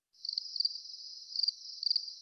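Crickets chirp in a steady high-pitched trill, pulsing in a few slightly louder bursts, with no voices or other sounds around them.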